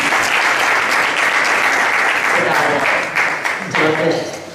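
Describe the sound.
Steady, loud applause from an audience at the Play for Life festival in Leganés, welcoming the mayor of Leganés; a dense wash of clapping that holds for several seconds and tapers slightly at the end, with some voices faintly mixed in.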